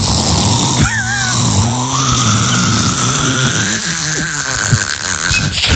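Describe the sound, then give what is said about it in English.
A person vocally imitates how a friend snores while sleeping, producing a continuous rasping, grunting drone with squealing, nasal rises and shifts in tone, loud for several seconds. “give people like an impression of what it sounds like when he's sleeping.”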